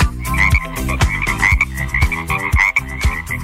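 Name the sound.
frog croaking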